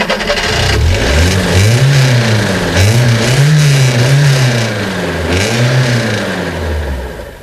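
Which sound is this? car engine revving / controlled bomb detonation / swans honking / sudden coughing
car engine revving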